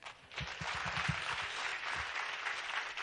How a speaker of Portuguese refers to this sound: Os aplausos merecidos.